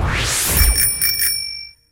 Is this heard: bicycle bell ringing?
yes